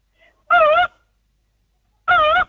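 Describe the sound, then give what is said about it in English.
A person's voice imitates a cuckoo's call with two loud, hooting notes, each slightly wavering in pitch, separated by a pause of over a second. “Oh, it was the cuckoo bird.”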